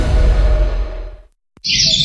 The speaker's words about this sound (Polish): Słyszysz ten szum lasu i śpiew ptaków? Spokój, zieleń, idealna przestrzeń do odpoczynku.